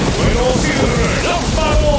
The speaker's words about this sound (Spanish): Con lluvia.